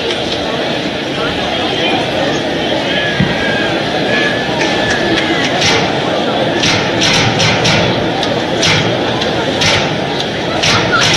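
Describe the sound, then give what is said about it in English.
Dense, continuous roar of a large crowd at a baseball stadium during a game with Arkansas playing, a steady wash of many voices and murmurs with occasional sharper claps and shouts rising out of the din. “Big crowd, as we mentioned. We haven't gotten the attendance figure. There's a lot of folks here.”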